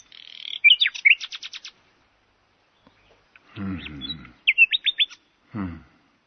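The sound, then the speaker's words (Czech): A nightingale sings in short bursts of rapid, bright trills and repeated piping notes, clear, with pauses between phrases and a few lower warbling tones mixed in. “Ať tedy zpívá. Zpívej, jak nejlíp dovedeš, Slavíku.”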